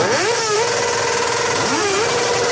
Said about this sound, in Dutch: Zij werden uit hun bed getrild door het geluid van brommers zonder knalpijpen. Luilak heet dat. Zo hard mogelijk geluid maken.